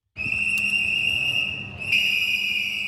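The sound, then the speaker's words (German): Shrill, sustained whistle blasts from a group of protesters with whistles and banners outside the Actionism Museum in Vienna, several whistles overlapping in a steady piercing tone that swells louder near the end, with a low murmur of outdoor noise underneath. “Eine Gruppe mit Pfeifen und Transparenten protestiert vor dem Wiener Aktionismusmuseum.”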